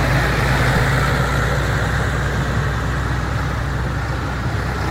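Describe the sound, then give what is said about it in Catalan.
Heavy engines rumble steadily as about fifteen tractors roll slowly past in a farmers' slow protest march organised by Unió de Pagesos from Vilafranca del Penedès to Sant Sadurní d'Anoia, a dense, continuous low drone of motors with no voices. “Mig centenar de pagesos i una quinzena de tractors han participat a la marxa lenta.”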